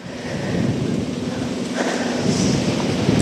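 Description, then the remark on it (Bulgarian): Strong wind roars steadily outdoors at a wildfire in a holiday-home area above a town, blowing continuously in changing directions and fanning the fire; a broad rushing noise buffeting the microphone with low rumbles, continuous and loud throughout, with no voices. “Вятърът духа непрекъснато в различни посоки и разпалва все повече пожарът във вилната зона над града.”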